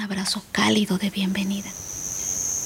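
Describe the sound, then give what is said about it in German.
A person talks briefly, then a steady, high-pitched cricket trill carries on alone, continuous and fairly faint, over a soft hiss of background ambience; crickets chirping inside a humid natural cave with stalagmites and stalactites. “Fledermäuse flattern durch die Luft und Grillen zirpen.”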